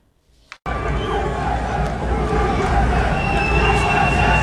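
A large American concert crowd breaks into loud, sustained booing, a dense roar of many voices that starts abruptly after a brief quiet moment and holds steady to the end.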